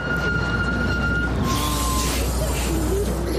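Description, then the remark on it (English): Steady traffic noise with a low engine rumble from a car idling behind a bus, plus faint high tonal whines drifting in the background; no one speaks. “Oh, I got stuck behind the bus again.”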